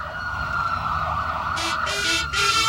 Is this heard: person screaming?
no